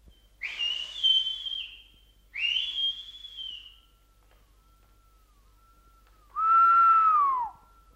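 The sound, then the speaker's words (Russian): A samovar whistles as it boils at an outdoor camp, giving three distinct whistling bursts: two shorter high-pitched ones close together, then a lower, louder tone after a pause, with no talking. “По самовару. Самоваров много. Твой со свистом.”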